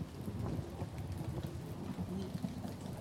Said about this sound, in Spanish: Con la borrasca, Joleti. Vientos, lluvia y cuidado.